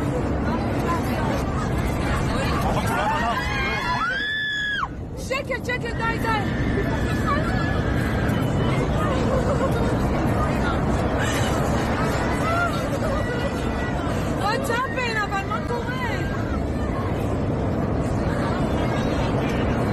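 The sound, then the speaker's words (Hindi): Panicked passengers scream and shout inside an airplane cabin as the plane drops from 34,000 to 14,000 feet within about two minutes, over a constant loud roar, with shrill rising cries breaking through the frantic crowd babble throughout. “इनमें भी सबसे खतरनाक वीडियो ये है जिनमें उस वक्त का खौफनाक मंजर कैद हुआ जब विमान महज 2 मिनट के अंदर 34,000 फीट की ऊंचाई से 14,000 फीट तक नीचे गिर गया, और इस दौरान विमान के अंदर चारों तरफ यात्रियों की भयानक चीखें सुनाई दे रही थी।”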